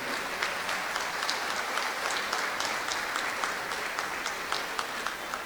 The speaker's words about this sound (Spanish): Entonces reconocerles y mandarle un aplauso desde aquí a nuestra soberana y reconocer la belleza que tiene nuestro Pánuco.